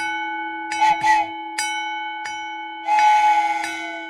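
A railroad crossing bell clangs in irregular strikes over a steady ringing tone as a train nears and passes, with bursts of rushing, rumbling noise swelling in between.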